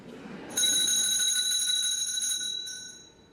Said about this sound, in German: Es läutet. Da kann ich Sie beruhigen, Herr Direktor. Das liegt nur daran, dass wir eine Glocke haben.